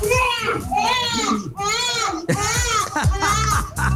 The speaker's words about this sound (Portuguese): Assim que é bom, hein? Haja choro.